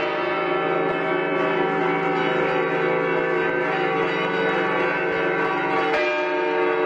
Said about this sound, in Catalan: la Torre del Micalet, de las cuales las dos grandes suenan de manera lenta y cada vez más rápida, mientras el resto de campanas hacen el clamoreo, el clamor, repicando muy velozmente y siempre por debajo de las campanas mayores en cuanto a volumen.